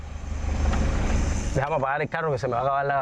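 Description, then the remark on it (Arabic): A car engine idles with a steady low rumble for a second and a half, then the driver starts talking while faint engine noise continues underneath; he is about to switch the engine off to save the little fuel left. “سأفتح التطبيق لترى، دعني أطفئ المحرك حتى نحافظ على ما تبقى من وقود وأشرح لك.”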